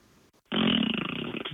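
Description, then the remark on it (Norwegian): A person blows a loud, buzzing raspberry with the lips down into a crack by a lowered window, imitating a fart: one sustained, fluttering blast of about a second after a brief quiet moment. “Jeg lagde en sånn der liksom prompelyd liksom over...”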